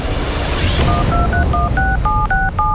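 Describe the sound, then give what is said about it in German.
A rapid sequence of about eight DTMF keypad tones as a phone number is dialed, each short dual-pitched beep evenly spaced over a low background hum, with no talking. “Leute, es ist Donnerstag, 14 Minuten vor 11 und ich würde sagen, wir telefonieren mal wieder ganz kurz.”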